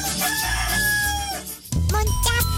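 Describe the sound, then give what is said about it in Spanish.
A rooster crows loudly, one long drawn-out call that fades, then a second bright crow starts right after it. No one speaks. “¡Adivina dónde estoy! Estás en El Gallo.”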